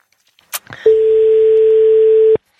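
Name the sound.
telephone ringing tone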